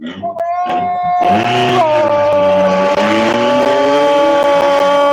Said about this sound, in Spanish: Coche en competencia, máquina 886, el Team Rodríguez desde Samaipata.